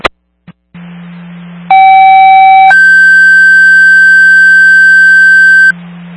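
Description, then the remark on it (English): Fire dispatch radio alert tones for a Tanker 5A fire alarm call to Kramer Road, Pine Ridge: after a couple of sharp clicks and a low radio hum, a steady lower tone sounds for about a second, then jumps to a long, loud higher tone. “24, I just have a Tanker 5A alert.”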